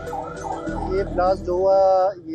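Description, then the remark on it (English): Emergency vehicle sirens wail with rising and falling tones over rumbling traffic, fairly loud, layered and continuous throughout, as emergency vehicles race to the site of a massive bomb blast at the crowded Naurang Bazaar in northwestern Pakistan. “Such was the impact of the massive blast that shop fronts were damaged and vehicles were mangled, even as people rushed to help the wounded and emergency vehicles raced to the site.”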